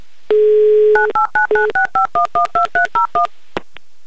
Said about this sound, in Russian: Сейчас позвоним Максиму и спросим